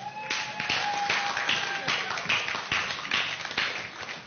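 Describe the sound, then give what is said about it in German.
An audience applauds steadily for several seconds at the official opening of an event on stage in Wilhelmshaven, a dense, even wash of many hands clapping with a faint sustained tone in the background early on. “Großen Applaus bitte.”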